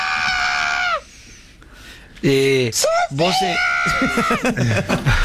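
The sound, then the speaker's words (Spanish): A person squawks and clucks in shrill, strained bursts, imitating a chicken, with a brief pause before a rapid run of wavering, cackling cries. “callen la gallina, chicos.”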